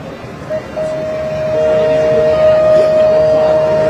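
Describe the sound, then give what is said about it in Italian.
Boat horns blare at sea from boats sailing alongside in a festive procession honouring the patron saint: a long, steady mid-pitched blast, joined partway through by a second, slightly lower horn, both held over a constant rush of wind and engine noise. “Ascoltiamo anche i suoni, ci si fa sentire in mare.”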